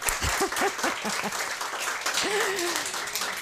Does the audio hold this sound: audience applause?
yes